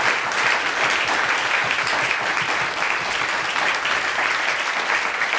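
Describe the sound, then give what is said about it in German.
A crowd applauds the event's technical crew, a steady, dense wash of many hands clapping at an even loudness for several seconds with no voices standing out. “Einen Applaus für unsere Kollegen von der Technik, bitte.”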